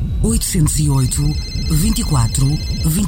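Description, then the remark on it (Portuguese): A mobile phone ringtone plays a bouncy, repeating melody, loud, with steady high-pitched tones running throughout for a few seconds. “Mãe, o telemóvel?”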